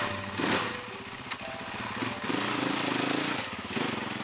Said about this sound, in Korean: 그의 취미는 산악 오토바이를 타는 것.